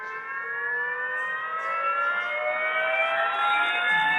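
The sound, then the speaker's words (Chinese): An approaching siren, played by pressing a button on a redshift and blueshift exhibit, holds a steady, loud, harmonic wail whose pitch climbs gradually over about four seconds, the Doppler rise of a vehicle coming toward the listener. No one speaks. “或者 是 警车、救护车，他们从远处向我们开过来。”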